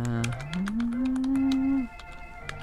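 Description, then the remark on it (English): Rapid, irregular clicking of keys on a computer keyboard, with a steady low humming tone that rises slightly and stops partway through while the typing continues. “You know, wouldn't it be terrible if the keyboard was like the old telephone tones, where if I would be typing and each letter had a tone”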